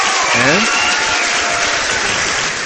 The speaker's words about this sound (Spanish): Hoy tenemos con nosotros en la terraza a Álvaro Sáenz de Heredia, que le damos un fortísimo aplauso.